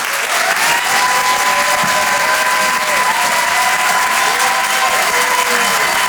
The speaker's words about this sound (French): Et en live depuis l'Apollo Théâtre. Le Rire et Chanson Comedy Club. Découvrez vos futurs stars du rire. Le Rire et Chanson Comedy Club. Merci d'applaudir et d'accueillir Karim Duval.